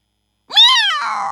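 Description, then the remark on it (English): A single loud cat meow rises and falls in pitch after a brief silence, then trails off into a breathy, rougher tail. “Meow. Meow.”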